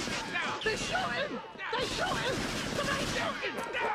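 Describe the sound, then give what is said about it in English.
A rapid, continuous burst of gunshots, fired in a showdown by a man from a firearm drawn from his right jacket pocket and striking another man multiple times, cracks out over several seconds, tangled with loud shouting and screaming voices, with only a short dip in the din midway through. “That's when the shots start firing.”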